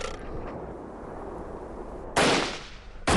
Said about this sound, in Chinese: 战斗终于打响了，随着李云龙一声枪响，独立团阵地全线枪声大作，事先埋下的炸药混合着投掷过去的手榴弹在日军阵型内部全面开花